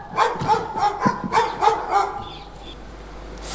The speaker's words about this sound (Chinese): 更半夜这狗怎么叫得这么凶啊？